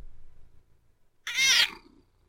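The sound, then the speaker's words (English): A male cat gives one loud, high meow into the microphone, preceded by a faint low rumbling purr; no one speaks. “You hear him purring? He's a purrer.”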